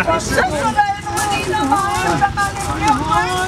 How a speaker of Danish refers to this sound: altså er det simpelthen figuranter, vi kan høre, der ligger og jammer sig og spiller skuespil